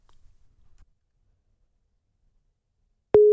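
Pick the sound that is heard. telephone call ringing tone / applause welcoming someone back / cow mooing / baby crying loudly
telephone call ringing tone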